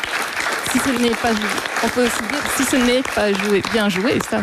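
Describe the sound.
Steady audience applause for the finalist of a game, loud and continuous, while a voice talks over the clapping.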